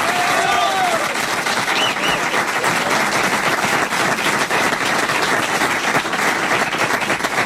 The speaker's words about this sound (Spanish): Fuerte el aplauso, señor.